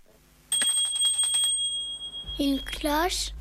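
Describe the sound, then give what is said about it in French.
A small bell jingles in a quick flurry of bright strikes, then its clear tone lingers and fades as a voice begins speaking over the end. “Une clochette. Peut-être pour la sonnerie d'une maison, si on veut rentrer dans la maison et on est invité et qu'on arrive, on sonne.”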